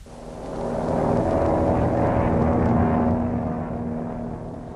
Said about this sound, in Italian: L'aereo per il Cile è partito.